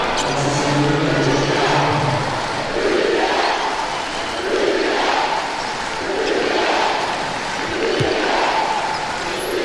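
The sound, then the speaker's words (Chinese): An arena crowd of home fans at a basketball game boos the visiting team and the referees' calls steadily, a dense, sustained roar of many voices that swells and dips in waves over nearly ten seconds, with no single voice standing out. “主场球迷给客队的嘘声，刚才这段时间的一些吹罚呢，让现场的球迷也不太满意。”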